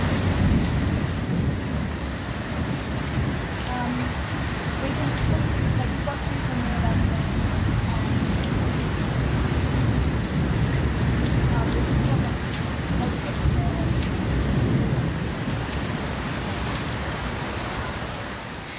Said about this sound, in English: Power off in Northside in Alice. Hectic winds would have been approaching at 100 kilometres an hour, so very windy. Sounds like a fast-moving storm.